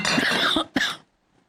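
Two harsh, raspy coughs in quick succession, the first drawn out and the second shorter and sharper, like someone choking on food that went down the wrong way, then silence.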